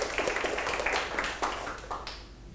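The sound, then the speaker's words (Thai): A classroom of people claps together for group 1 during a maths lesson on percentages, a dense, rapid patter of many hands that holds steady at a moderate level for a couple of seconds before thinning slightly at the end. “ปรบมือให้กลุ่ม1หน่อยครับ”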